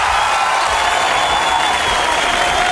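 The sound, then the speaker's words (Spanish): Steady applause from a live music concert audience, a dense wash of many hands clapping at a constant loud level throughout, with a faint crowd murmur underneath and no single voice standing out. “En una tarde con muchos aplausos.”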